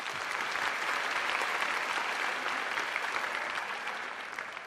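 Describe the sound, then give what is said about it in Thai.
A crowd applauds steadily, a dense wash of clapping that holds at a strong level throughout and eases off only slightly at the end, with no talking over it. “ปรบมือหน่อยเร็ว”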